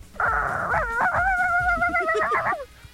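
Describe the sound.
A voice imitates a small dog, a chihuahua, with high-pitched, drawn-out yelping and whining for a few seconds, loud, with soft thumps underneath.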